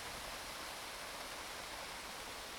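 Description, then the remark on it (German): Sea water rushes steadily against rocks, a continuous broad hiss with even loudness and no distinct individual splashes, with no voices over it. “vielleicht, wenn das Wasser an die Felsen klatscht. Splash, splash, splash. Wenn man die Wellen hört im Meer.”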